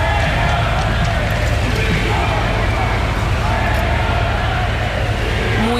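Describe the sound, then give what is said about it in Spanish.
A large outdoor crowd of attendees boos and shouts insults at the Spanish prime minister on his arrival, a loud, steady wall of overlapping voices that holds without letup, with footsteps and bustle mixed into the din. “No evitaba, eso sí, los abucheos e insultos por parte de algunos de los asistentes.”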